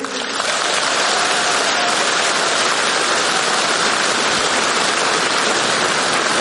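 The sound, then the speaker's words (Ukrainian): A loud, dense wash of clapping from a large crowd, a steady roar of many hands that holds at full strength from start to finish with no voices breaking through. “І я знаю, що зараз ви дивитесь нас по телевізору, тому я б дуже хотів, щоб ви зробили гучніше, а можливо навіть навпаки, зменшили звук, тому що зараз, цю саму секунду, для вас будуть ці гучні оплески.”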